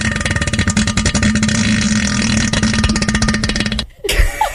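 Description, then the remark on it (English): A voice imitates a long, loud, bassy fart on a toilet, a rough buzzing rasp lasting nearly four seconds before cutting off abruptly, followed by a brief breathy sound. “I had one of them really loud farts, and we know what toilet bowls do.”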